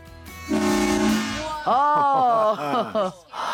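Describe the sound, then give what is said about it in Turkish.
A single loud, steady blast from a real train horn sounds for about a second, then cuts off as excited voices rise right after it. “Gerçek bir tren kornası.”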